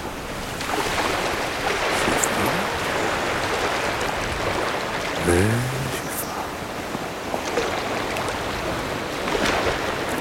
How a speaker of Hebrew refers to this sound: פתאום בא גל גבוה נורא. פתאום שקט, ורק קצף על פני הגלים. בואו נשום עם הגל. כשגל בא שאיפה, וכשגל מתרחק, השאיפה.